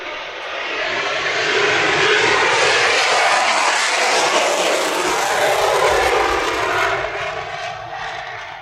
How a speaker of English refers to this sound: F-22 on the way out, and out we have another.